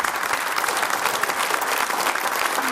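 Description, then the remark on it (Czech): Steady applause from many hands congratulating a quiz winner on the Czech show Tobogan, a dense continuous patter of claps at an even loudness throughout, with no voices on top. “Gratulujeme, tleskáme, blahopřejeme.”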